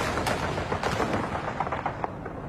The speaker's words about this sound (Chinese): 不久，卢沟桥的枪声响起，拉开了中国全民族抗战的序幕。